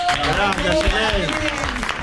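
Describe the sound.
A crowd claps steadily in a dense, unbroken wash of applause, with excited voices and cheers rising and falling over it for the full two seconds.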